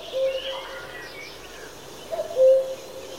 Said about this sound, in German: Ein Kuckuck in einem Wald in Österreich. Die Blätter an den Bäumen sind noch hellgrün, denn es ist Frühling. Der Kuckuck hat eine weite Reise hinter sich, denn er hat im warmen Afrika überwintert.